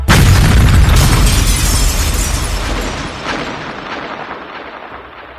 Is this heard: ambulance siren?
no